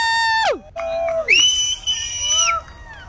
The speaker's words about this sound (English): Wow, I can't even, honestly, can you hear people cheering? People are cheering.